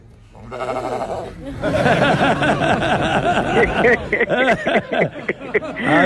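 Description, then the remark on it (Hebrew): A lamb bleats repeatedly, its wavering cries overlapping with a lively crowd of voices and some laughter, the noise growing busier after a quieter start, during a pidyon peter chamor ceremony (redeeming a firstborn donkey with a lamb) with Rabbi Yitzhak Yosef. “לוקחים כבש כנגד החמור”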